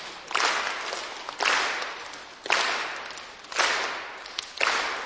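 A group claps together in a steady beat in four-beat time, five crisp, slightly ragged claps about a second apart, marking beats one and three. Each clap's sound fades before the next one lands.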